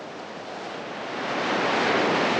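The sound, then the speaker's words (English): A steady rush of surf swells louder over a couple of seconds as waves roll in and break on an empty beach, with a broad hissing wash and no voices. “Part of a rusting car chassis lies abandoned near the beach”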